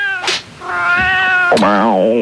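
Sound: cat meowing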